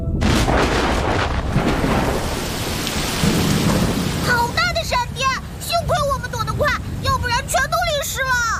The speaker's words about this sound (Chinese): 是雷阵雨，一会儿就过去了。